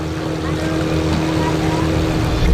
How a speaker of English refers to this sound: You think about how many boats are driving around, all the ships, all of the offshore drilling, and all the noise that we're making